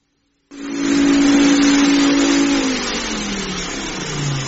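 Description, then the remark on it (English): A vacuum cleaner, switched on to give a house a once-over, starts abruptly after a moment of silence, roaring loudly with a droning motor hum whose pitch sags and wavers partway through. No one speaks. “Well, it's my super-duper vacuum cleaner.”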